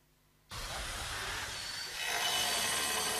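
A tile cutter and concrete drill roar in abruptly after a brief quiet at the construction site of a new ethnic boarding primary and lower secondary school in Lóng Phiêng, Sơn La province. A loud, harsh, continuous grinding wash with construction vehicles rumbling underneath, growing slightly louder toward the end.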